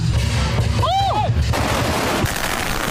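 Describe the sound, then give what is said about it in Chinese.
Dense, crackling bursts of firecrackers, lit and thrown into the middle of a square by the lead lion dancer to open a fire-lion dance held by the Zhuang people of Lianshan for the Lantern Festival, go off loudly and continuously, a rapid popping barrage with a brief whistling sweep, against a noisy outdoor crowd. “当领狮人点燃鞭炮，率先投向场中央，炸火狮表演正式开始。”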